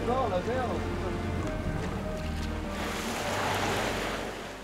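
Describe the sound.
Continuous rushing of waves and wind on open water, a loud steady wash with surging swells, while a voice talks briefly over the noise near the start.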